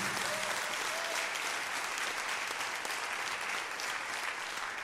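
An audience claps steadily for the Lord, a dense, continuous wash of many hands applauding at an even, full volume for several seconds, with no voices standing out.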